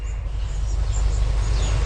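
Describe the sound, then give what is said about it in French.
A lyrebird in Australia mimics a camera shutter with faint, thin clicks and high chirps over a steady low rumble, ending in a sharper burst. “Donc, cet oiseau lire qui imite à la fois un appareil photo”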